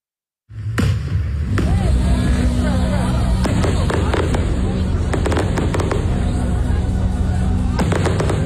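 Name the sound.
fireworks exploding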